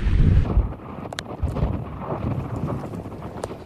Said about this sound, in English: you are definitely going to be feeling some of these winds as a result of this system trying to move on out. Bear with me here, everybody. You just got to maintain a stance like this.